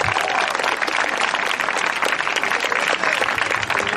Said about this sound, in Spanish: Aleluya, dele un gloria a Dios, te tiene gozo esta tarde. Fuerte ese aplauso sea para el Cristo de la gloria.